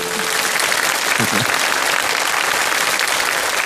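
Steady, loud applause from a crowd, a dense wash of clapping that holds evenly for several seconds, with a brief murmur of voices underneath near the middle.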